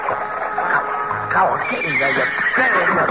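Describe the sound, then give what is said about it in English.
A horse neighs fairly loud, a long wavering whinny that rises and falls in pitch over about three seconds, with a second burst near the end. “You're a rotten horse. You're not a good horse.”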